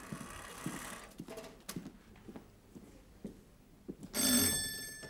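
After several seconds of soft, scattered taps and shuffling, a doorbell rings once near the end with a bright, buzzing metallic tone that holds for about a second.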